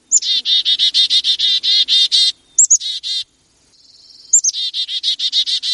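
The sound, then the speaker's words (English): A chickadee gives its standard foraging chick-a-dee call, used while eating, moving about in the trees and talking to other chickadees: a sharp high note leading into fast runs of buzzy, repeated dee notes, coming in three loud bursts with no talking. “And the first is this standard just chickadee call that they give when they're foraging, eating, out in the trees, moving about, talking to each other.”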